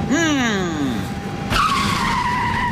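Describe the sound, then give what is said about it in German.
An airport follow-me car skids with loud tire squeals: a wavering, falling screech, then a sudden sharp jolt and another sustained squeal. No one speaks. “Was machst du denn schon wieder mit dem armen Follow-Me-Auto?”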